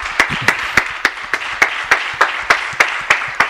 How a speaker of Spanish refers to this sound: Esto no es muy habitual, los compañeros de los medios aplaudiendo a Antoine Griezmann.